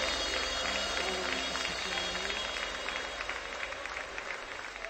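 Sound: audience applauding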